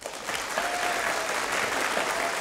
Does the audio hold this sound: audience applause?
yes